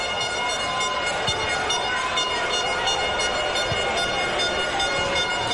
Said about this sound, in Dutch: Gefluit in het publiek.